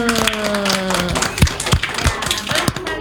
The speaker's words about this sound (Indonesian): Tepuk tangan dulu.